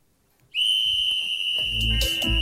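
A loud, sustained whistle blast, the start signal for throwing two balls, sounds abruptly after a brief quiet moment and holds steadily for nearly two seconds, with some thuds and rustling noise creeping in toward the end.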